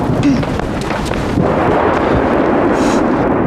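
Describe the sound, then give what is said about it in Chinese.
A loud, deep rumble of thunder with no rain falling rolls on steadily for a few seconds, heavy, with no voices or other distinct sounds. “没有啊，干打雷不下雨，都好几次这样了。”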